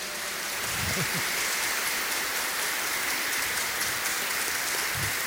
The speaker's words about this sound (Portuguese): Uma salva de palmas bem bonito para os pais.